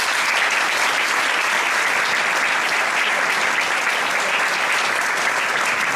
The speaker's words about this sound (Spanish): Amigos todos, bienvenidos, y yo creo que un evento así, porque es muy importante lo que vamos a hacer hoy, se merece empezar con un fuerte aplauso, ¿no?